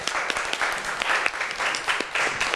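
A room of students claps together for a few seconds for a classmate from group 4 who raised her hand to answer the teacher's question, a steady patter of many hands with sharp individual slaps standing out, fairly soft overall and with no voices over it.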